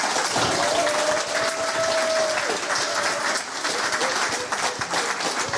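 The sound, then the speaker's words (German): Dense, steady applause from an audience for a novelist fills the whole stretch, a continuous wash of many hands clapping, with a faint whistle-like tone briefly rising above it early on. “Nochmal einen großen Applaus, bitte.”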